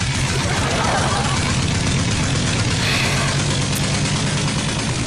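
A tractor engine chugs steadily, a loud, continuous low diesel rumble with a rough, throbbing rhythm that holds the whole time without pausing.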